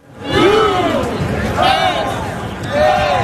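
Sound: rowdy stadium crowd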